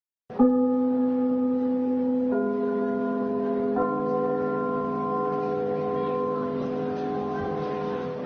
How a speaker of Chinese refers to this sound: 听我们开幕的那个钟声， 嗯， 听着这都一种感情。 什么感情？ 所以我们在如果在别的剧场去演出啊，我们一定把这个钟声录下来。